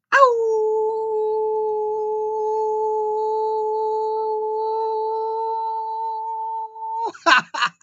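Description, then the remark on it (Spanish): A person imitates a wolf, holding one long, steady howl for about seven seconds before it breaks off into a few quick, breathy gasps. The voice is loud. “Todavía este lobo tiene, iba a decir coyote, no, todavía este lobo tiene pulmones.”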